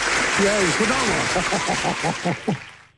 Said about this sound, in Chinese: 哎，鼓掌嘛！